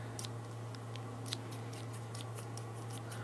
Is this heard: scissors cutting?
yes